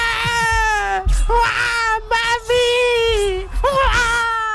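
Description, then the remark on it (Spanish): A baby wails loudly and continuously, rising and falling in strained cries with brief gasping breaks between them, alone with no talking. “¡Ay, qué dolor de niño, qué dolor de bebé! Llora más que Froilán, llora más que Froilán cuando le suelta el despertador a las 7 de la mañana.”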